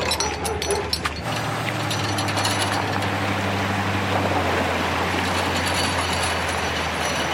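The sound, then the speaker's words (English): Floodwater from overnight torrential rains pours over a road on Highway 7 in a steady, loud rush, a continuous roar with a deep low rumble underneath that holds unbroken from start to finish, with no voices. “Water pouring over roads, washing out and closing parts of Highway 7.”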